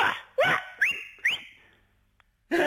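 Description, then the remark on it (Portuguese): A shepherd's whistle calling a flock of sheep: a few sharp, rising whistled calls in quick succession, each sweeping upward in pitch and trailing off, with a short gap before another burst begins at the end. “Eu sabia que havia um assobio. E elas vêm logo.”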